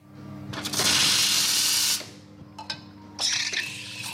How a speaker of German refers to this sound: reinigt die Kaffeemaschine.